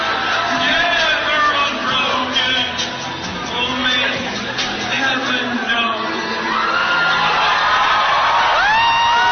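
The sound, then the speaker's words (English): A large crowd howls, whoops and jeers continuously, mocking and ridiculing a man killed by an assassin's bullet, many voices overlapping in loud, rising and falling shouts and yells with no pause throughout. “Listen to them howl up from the pits of hell.”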